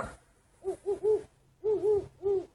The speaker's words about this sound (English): And some very fat owls who are learning to hoot.